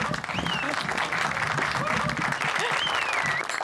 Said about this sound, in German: Ja, eine Überraschungsparty mit einer echten Liveband. Applaus für die Pete Becker Band. Applaus!